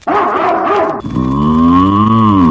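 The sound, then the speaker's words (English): A cow moos loudly: a short, rough lowing, then a long, steady, drawn-out moo with a rich harmonic tone that bends gently in pitch. “Those of you listening online, all of you that is, there's a little black box with woof moo.”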